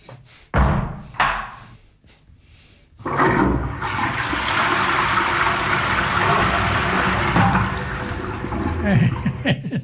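A toilet flushes loudly, a sustained rushing gush of water lasting several seconds, preceded by a few thuds and clunks of the handle and lid.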